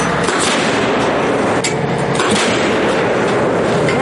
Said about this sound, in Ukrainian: Заряджаючий, навідник, командир працюють як єдиний організм. Звідси й вражаючий темп вогню. Загалом у бік рашистів підряд вилітає до десятка 155-мм снарядів.